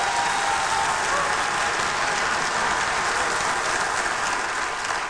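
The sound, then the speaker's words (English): An audience claps their hands in praise to the Lord, a dense, steady wash of applause from many people that stays loud and even throughout, with no pauses. “Give the Lord a hand clap of praise.”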